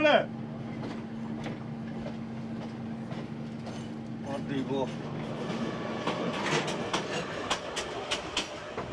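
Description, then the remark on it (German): A train in Myanmar briefly slows on its rails for the mail, a steady low rumble and rattling wheels giving way to thin, high-pitched brake squeals in the last few seconds. Voices murmur faintly underneath. “Kurzes Abbremsen für die Post.”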